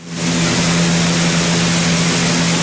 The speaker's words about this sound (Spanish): No sé, son 8 horas con 12 segundos. Sonido del ventilador para dormir, así lo puede encontrar en plataformas. ¿A quién le puede relajar eso, güey? No tengo idea. Pero este es ventilador industrial